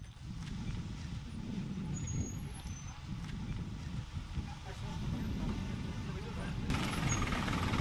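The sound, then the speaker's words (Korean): The bus the group arrived on rumbles onto a small barge at the small port of San Pablo de Tiquina to cross Lake Titicaca. Its engine drones low and steady, with occasional hissing and clunks, and faint voices murmur in the background. “이렇게 우리가 타고 온 버스도 같이 이 작은 바지선 위로 이렇게 타고 넘어갑니다.”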